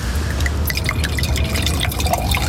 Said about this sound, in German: Darf ich nachschenken? Gerne.